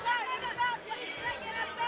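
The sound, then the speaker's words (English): Many children's voices, little leaguers near the Braves dugout at a baseball game begging for a baseball bat, yell and call out at once, high-pitched and overlapping in a steady, excited clamor with no pauses. “So he'll pick it up and hand it to a bat boy, and every little leaguer near that Braves dugout is going to beg for that baseball bat. They're all yelling in.”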